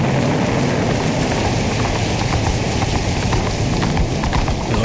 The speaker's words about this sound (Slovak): nikdy neskončí táto hrozná búrka. Nikde ani stopa po životvorovi. Všade samá skala, vietor a dážď.